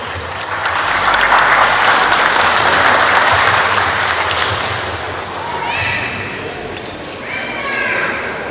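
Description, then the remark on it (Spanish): A crowd breaks into loud, sustained applause that swells for several seconds to welcome the district mayor of Ite, Urbelinda Chacón Díaz, at the inauguration of an inter-sector sports championship, then fades as children's excited voices and shouts rise over the thinning clapping. “discurso central, inauguración del presente campeonato deportivo intersectores poblacionales de ITE, a cargo de nuestra lideresa municipal, alcaldesa distrital de ITE, señora Urbelinda Chacón Díaz, a quien recibimos con un fortísimo aplauso.”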